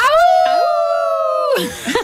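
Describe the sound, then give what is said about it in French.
An audience at a festival imitates a wolf howl in unison on a count of three, a loud sustained rising-and-holding tone lasting over a second, then breaking into scattered laughter and chatter. “Ce festival qui porte vraiment bien son nom avec la fameuse légende du loup de La Fontaine.”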